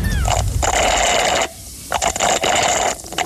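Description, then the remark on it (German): Loud, gurgly slurping of slightly foamy, thick iced coffee through a straw comes in long noisy bursts, a pause after the first, then a second long pull and a brief final suck. No one speaks. “Du schlurfst mit einem Röhrle.”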